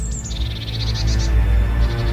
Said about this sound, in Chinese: 此时，只有鸟鸣声穿透了这层薄雾。